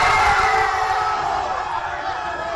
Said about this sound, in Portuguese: Mas ele e outros torcedores mexicanos também soltaram a voz, dessa vez para gritar gol, ainda no primeiro tempo.